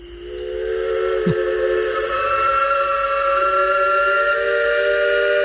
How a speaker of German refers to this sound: Kann man nicht überhören. Ja, und dieses Pfeifen von einem Elbe-Schaufelraddampfer, das kennt man. Das kennt man auch nicht nur in Dresden oder in Pirna, Rathen, Bad Schandau. Das ist weit über Sachsens Grenzen hinaus bekannt